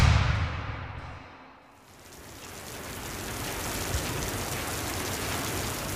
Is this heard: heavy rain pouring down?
yes